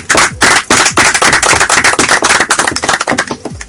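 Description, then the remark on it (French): Loud, sustained applause from a crowd for the Complexe scolaire Achouza, which has just won 50-0 against the Institut Kanyantende. A dense crackle of many hands clapping at once, with sharp bursts rising and falling steadily for several seconds and no voices. “On peut donc applaudir.”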